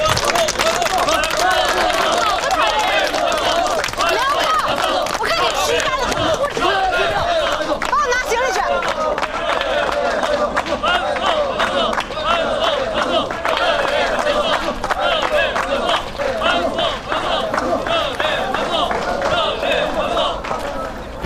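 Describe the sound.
Steady, loud applause from a crowd, many hands clapping in a dense, continuous patter for about twenty seconds, with a murmur of voices and chatter mixed underneath.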